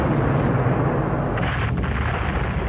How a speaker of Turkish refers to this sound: Yine top ateşine başladılar Amiral Doria. Boşuna çabalıyorlar. Amiral Doria, bu ateş karşısında adaya yaklaşamayız.